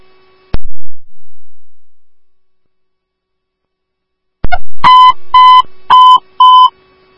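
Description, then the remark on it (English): A sharp click, a few seconds of silence, then four loud, evenly spaced electronic beeps from a dispatch pager alert calling Woodbury Station 1 to 8450 Seasons Parkway for a BLS cardiac response. The tones are buzzy and harmonic-rich, with no voices. “Woodbury Station 1AM, these are your tones for 8450 Seasons Parkway.”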